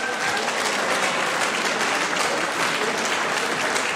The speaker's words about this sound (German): Das ist euer Applaus. Gratulation.